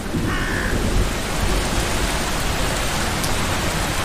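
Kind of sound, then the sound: nature, heavy rain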